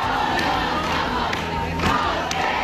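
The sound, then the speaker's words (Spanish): A large crowd of campers gathered at night among tents filling the Puerta del Sol, despite falling temperatures, makes a steady, loud roar of overlapping voices and shouts, with a few brief sharper cries rising above the dense murmur throughout. “En efecto, la bajada de temperaturas no ha impedido que esta noche se haya juntado mucha más gente que las dos anteriores.”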